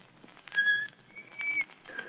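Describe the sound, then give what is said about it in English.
Breathy, airy puffs with a few thin, wavering whistle tones that barely sound, a weak attempt at whistling that keeps fizzling out. Fairly quiet, with no talking. “Oh, shucks, I never could whistle.”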